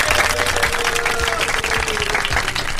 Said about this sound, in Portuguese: Nós pedimos licença a todas as outras pessoas e outros credos religiosos, né? Para festejar aí uma salva de palmas para Nossa Senhora Aparecida, para os católicos, né?